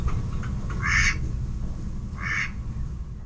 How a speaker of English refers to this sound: It's kind of a reedy, lower sound. So I think this last one is probably a male mallard, the first one with the female.